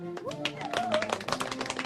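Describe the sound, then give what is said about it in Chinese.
A group of trainees applauds themselves after all passing their assessment in the first two weeks of training, clapping together in a quick, dense burst, the sharp hand claps overlapping steadily, with a faint voice or tone running underneath. “我建议你们给自己鼓鼓掌。”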